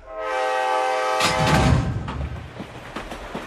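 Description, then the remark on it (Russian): A train horn blares for about a second, then gives way to a loud rolling rumble with irregular metallic clacks of wheels passing over rail joints, without any voices. “Представьте мирный стук колес, запеченная курица в фольге и чай в подстаканнике.”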